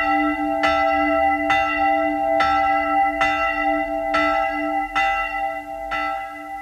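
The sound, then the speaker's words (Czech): A church bell tolls steadily, ringing for mass, about eight evenly spaced strikes with a sustained ringing hum carrying between them, loud, with no voices. “Slyšíš? Pospěš si, už zvoní na mši.”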